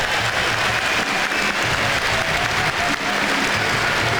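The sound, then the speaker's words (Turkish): Steady applause from a crowd at a football match fills the whole stretch, a dense, continuous wash of clapping at a fairly loud, even level with no pauses. “Pochettino tarafından da bu baskı alkış aldı.”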